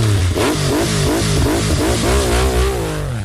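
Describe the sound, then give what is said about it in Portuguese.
A motorcycle engine revs loudly, its pitch repeatedly climbing and dropping in quick throttle bursts for a few seconds, with no voices over it. “Acelera a moto aí, menino.”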